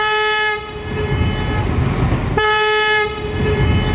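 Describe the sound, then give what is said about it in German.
Locomotive V160-002 sounds its whistle as it arrives at Allendorf-Eder station: two loud, sustained blasts separated by a brief drop, its steady tone ringing with reverberation that echoes back, against a low rumble of the train. “als im Bahnhof Allendorf-Eder die Lok ankam und sie zahlreiche Fotografen erblickte, ließ sie einmal das Horn erklingen und ganz besonders in der Aufnahme finde ich den Hall, der wieder zurückkommt. Wir hören nun die Pfeife der Lok.”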